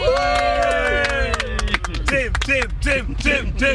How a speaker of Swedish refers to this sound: Ska vi ge honom en applåd, hörni?